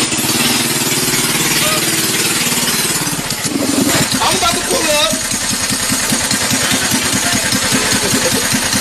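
A small toy Barbie car's engine runs loudly and steadily for the whole clip as a man in Georgia drives it, a rough, rapidly pulsing buzz that shifts briefly a few seconds in before settling back into its rattling drone.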